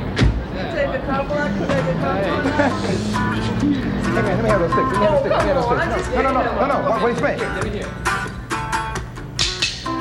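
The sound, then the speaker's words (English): A live audience fills the space with dense, overlapping chatter and shouting, a steady loud roar of many voices that swells in bursts toward the end. “But I'm telling you, the crowd is great. The people out there screaming, how is this happening, man?”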